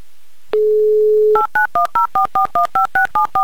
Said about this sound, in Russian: Набран номер телефона Шамиля, звоним в Москву